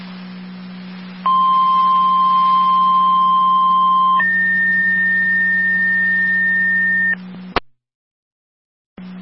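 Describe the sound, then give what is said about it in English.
Fire Control's second set of dispatch alert tones for Miller Hose, EMS 6239, Corwin Station, for a diabetic issue: a steady lower tone for about three seconds, then a higher tone for three more, loud over a constant radio hum, ending with a click and silence. “Fire Control of Miller Hose, second set of tones, EMS 6239, Corwin Station for the diabetic issue.”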